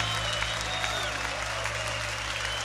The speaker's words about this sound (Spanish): Levanta tu aplauso a él fuerte.